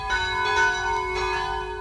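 Church bells of the St. Rupert church centre in Fürstenbrunn near Salzburg ring steadily at 12 noon, their overlapping tones humming and swelling, with rich sustained overtones and no voices.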